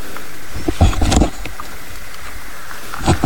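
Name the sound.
common toad croaking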